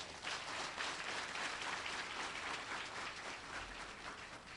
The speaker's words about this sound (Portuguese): Estas mulheres, estes jovens são verdadeiros heróis da produção em Moçambique. Por isso queria pedir uma grande salva de palmas.